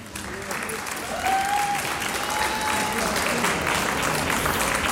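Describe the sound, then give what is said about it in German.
Sustained audience applause welcoming the school choir of the Volksschule Stadt Völkermarkt, a dense steady wash of many hands clapping that swells slightly after the first second and holds loud throughout, with a faint brief whistle-like tone in the middle. “Wir begrüßen mit einem kräftigen Applaus den Schulchor der Volksschule Stadt Völkermarkt.”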